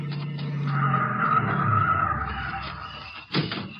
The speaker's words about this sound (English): Here comes a couple of cars. Go on.